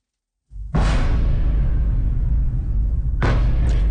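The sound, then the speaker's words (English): After a brief silence, a sudden heavy blast erupts into a loud, sustained low rumble, and a second sharp explosion bursts out about two and a half seconds later. These are explosions in the night sky over Kyiv during a major Russian overnight missile attack. “Explosions rock the night sky after Russia launched a major overnight attack.”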